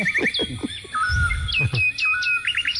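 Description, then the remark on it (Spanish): Small birds waking up at 7 in the morning chirp and tweet in quick overlapping bursts, high-pitched trills and short whistled notes repeating throughout, lively, with a low rumble briefly underneath. “Los pajaritos se despiertan.”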